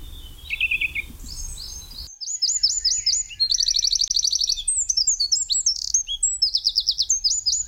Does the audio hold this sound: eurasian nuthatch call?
yes